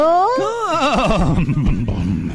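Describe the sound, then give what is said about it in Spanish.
A horse whinnies loudly, one long neigh whose pitch rises and then warbles rapidly downward before trailing off into a rough breath. “Hablando de caballos.”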